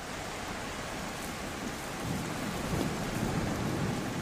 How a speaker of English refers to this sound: Cumulus clouds announce the beginning of the rainy season. On average, more than 2 meters of rain falls on Christmas Island each year.